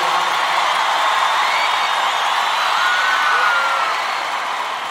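An audience applauds loudly and steadily, a dense wash of clapping with a few whoops and cheers mixed in, holding for several seconds before easing off slightly at the end.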